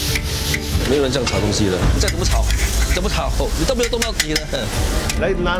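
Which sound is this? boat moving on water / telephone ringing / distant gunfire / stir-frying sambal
stir-frying sambal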